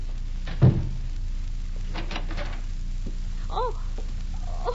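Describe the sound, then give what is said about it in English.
A room door shuts with a single dull thump early on, followed by a quiet room with a few faint creaks and soft rustles. “You get back to your room and close the door.”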